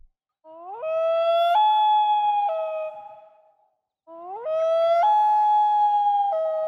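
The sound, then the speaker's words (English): A loon calls twice across a calm, still lake at sunset, each a long, eerie wail that slides upward, jumps to a higher held note, then fades, with a brief silence between. No one speaks. “Typically, you'd be kind of lucky if you spotted that loon in the distance before it disappeared underwater or flew out of sight.”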